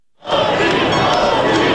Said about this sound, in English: massive crowds celebrating the NBA champion New York Knicks at a large parade up the historic Canyon of Heroes.